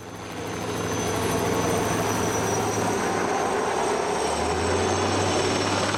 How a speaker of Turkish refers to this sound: Helikopterin işi tehlikeli çünkü birincisi ağır bir yük taşıyorlar. Uzun bir halatın ucunda taşıyorlar ve sürekli sallandığı için fazla kontrol edemiyorlar.